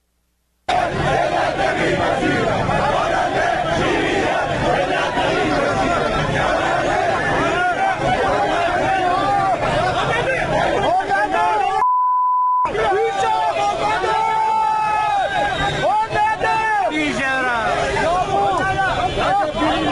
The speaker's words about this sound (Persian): تصاویر رسیده به ایران اینترنشنال از دومین روز تجمعات اعتراضی مالباختگان پرونده های واردات خودروهای سنگین حکایت میکند